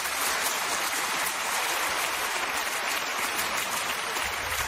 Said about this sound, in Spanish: ¿Por qué aplaude toda esa gente? Ah, no. Por nada, es que han visto la película muchas veces.